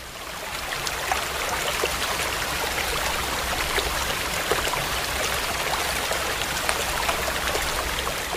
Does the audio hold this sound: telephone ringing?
no